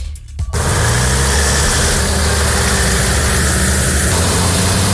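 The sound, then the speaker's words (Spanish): Heavy trucks of Spain's Military Emergencies Unit, in Huelva province for the wildfire at Villanueva de los Castillejos, rumble loudly and steadily after a brief quiet start, a dense, continuous idling drone with a deep low throb and no voices. “Son los camiones de la Unidad Militar de Emergencias.”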